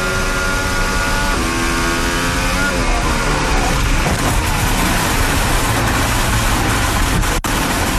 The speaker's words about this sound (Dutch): Zo klinkt het platrijden van de Red Bull, helaas.